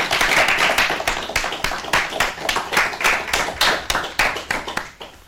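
A group of children claps steadily for about five seconds for a speaker, with brisk, fairly loud, closely spaced claps and no talking.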